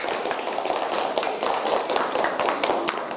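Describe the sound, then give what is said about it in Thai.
A group of classmates claps for everyone after a team game, in dense, overlapping applause, many hands striking at an uneven quick rhythm, sharp crisp slaps at a steady moderate loudness throughout, with no voices. “ยินดีด้วยนะ เก่งมากปรบมือให้ทุกคนด้วยนะคะ”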